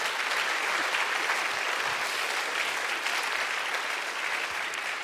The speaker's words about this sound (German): Nochmal einen Applaus, bitteschön.